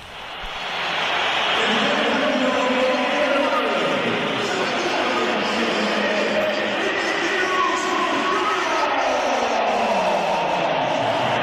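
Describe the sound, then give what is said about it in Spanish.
A large crowd at the Bernabéu stadium whistles and boos continuously at Vinicius as he leaves the match, a dense, loud wall of shrill whistles over low jeering that swells in quickly and holds steady throughout. “Mira, vamos a oír los pitos a Vinicius cuando se iba del partido.”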